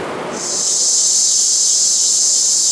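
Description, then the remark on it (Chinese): A loud, steady cicada-like drone, one of several tinnitus sounds played through an amplifier, sets in after a brief moment and holds a shrill, high-pitched buzz without pause, unbroken to the end, with no voices. “这夏天知了来了， 蝉鸣声， 蝉鸣声。”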